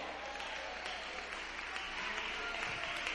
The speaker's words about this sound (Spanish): Dele un aplauso a Dios.